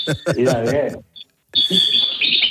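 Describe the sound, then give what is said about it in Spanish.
A pet bird chirps in a steady, high-pitched stream, continuing beneath a person talking, with a brief quiet gap midway before both resume. “Porque el pájaro es otro ponedor como tú, ¿eh?”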